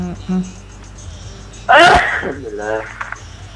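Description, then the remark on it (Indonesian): A single loud sneeze bursts out sharply, followed by a brief breathy trail and faint murmuring. “Bersin dulu.”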